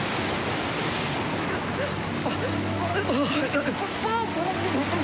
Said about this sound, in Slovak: Búrka a morské vlny ju opäť strhli pod hladinu.